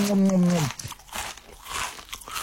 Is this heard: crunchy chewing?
yes